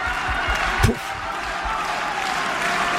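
A large tennis stadium crowd at the Suzanne Lenglen court applauds steadily during a Pablo Carreño match, a dense wash of clapping that carries evenly through the whole moment, with one brief low thump early on.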